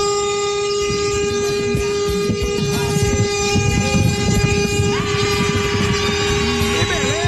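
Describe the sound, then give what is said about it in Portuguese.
A loud vehicle horn in Estância, Sergipe, blares in one long, unbroken blast lasting several seconds, its steady tone shifting slightly near the end, over a low rumbling engine noise. No one speaks. “Diretamente de Sergipe, Estância, ao buzinaço. Vai.”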